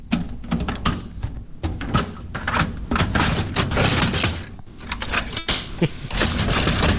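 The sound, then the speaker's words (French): The paper tray drawer of a printer, also used as a photocopier, slides open and shut as a loud, rattling scrape punctuated by a rapid run of sharp plastic clunks and knocks. “C'est le tiroir à feuilles de notre imprimante, mesdames, messieurs.”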